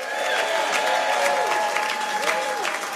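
A concert audience at the Day Stage at Eastside Bowl applauds a performer steadily, a dense wash of clapping with whoops and cheers rising over it, holding loud and even for the full few seconds.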